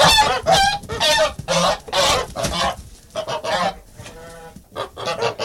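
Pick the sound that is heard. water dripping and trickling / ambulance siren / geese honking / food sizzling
geese honking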